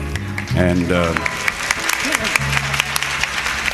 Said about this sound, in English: And there's some people applauding there from Newark. I know she's from Newark.